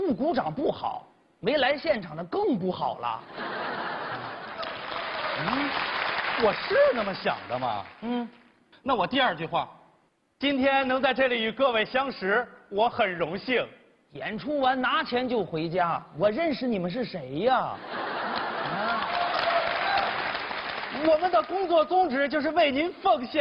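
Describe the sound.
Audience applause at a Chinese crosstalk (xiangsheng) comedy performance rises in two broad swells of clapping, blended with laughter, while two men keep talking briskly over and between the bursts.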